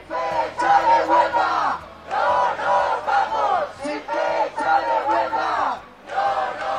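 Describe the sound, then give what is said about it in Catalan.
A large crowd at a housing-rights demonstration called by unions chants a slogan in unison, loud rhythmic shouted phrases repeating every second or so with brief pauses between them, many voices blending into a continuous roar. “Ja ho sentiu, els sindicats convocants asseguren que el clam popular és unànim.”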